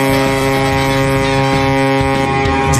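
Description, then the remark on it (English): A boat's foghorn blasts in one loud, steady, droning tone that holds unbroken for about three seconds, deep and brassy, with a faint windy rumble underneath and no voices. “So if are we parking a boat like through the fog?”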